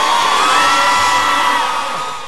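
A crowd applauds and cheers steadily, a loud, dense wash of clapping with whoops and shouts mixed in, easing off slightly toward the end.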